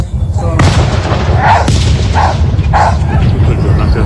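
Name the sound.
dog barking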